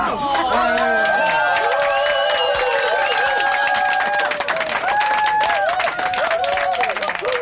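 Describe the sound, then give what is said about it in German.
A crowd of passengers on bus line 0, which is driving several laps in a circle, cheering and chanting "Nulle" together, with voices sustained and overlapping, rising and falling in pitch, mixed with steady clapping that keeps going loudly throughout. “Ja, es war eine richtige Partystimmung in diesem Bus.”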